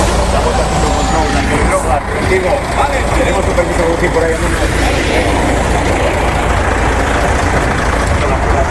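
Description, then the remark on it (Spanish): A heavy truck engine rumbles as Guardia Civil officers stop the truck for a roadside alcohol test, amid steady, dense traffic noise on a road busy with workers' traffic, while a person talks over the constant din throughout. “Y mira, de hecho, está ahora justo aquí la Guardia Civil parando a vehículos, se acaba de parar a un camión, es una carretera por la que circula mucho tránsito de trabajadores, y le está solicitando hacer el control alcoholemia.”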